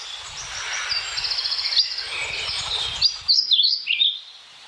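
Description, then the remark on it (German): A European pied flycatcher sings a bright, high song of quick chirping notes, ending in a few clear, rising and falling whistled phrases, with a soft low rumble underneath during the first part. “Dann der Trauerschnäpper.”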